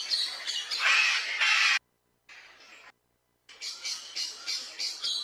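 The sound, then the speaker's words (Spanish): A bird gives a series of harsh, raspy squawks, loud, in bursts separated by two brief silences, with no talking. “Y hace parte del proyecto A Ritmo de Pájaros.”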